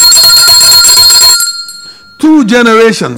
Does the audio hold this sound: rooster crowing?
no